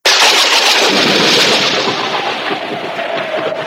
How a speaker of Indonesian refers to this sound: Tiba-tiba alam berubah. Petir menyambar dan hujan pun turun dengan derasnya.